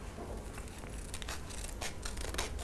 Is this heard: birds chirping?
no